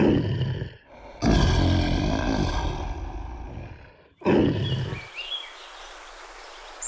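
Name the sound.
lions roaring and growling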